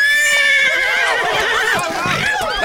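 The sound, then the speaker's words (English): A horse with a woman sitting on it whinnies loudly, a shrill, wavering neigh that rises and falls over a couple of seconds, with faint hoof clatter beneath it. “It's my horse what she's sitting on.”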